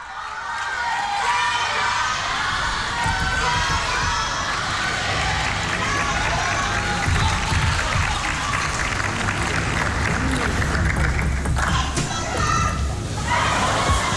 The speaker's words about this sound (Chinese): 现场观众是在喊什么？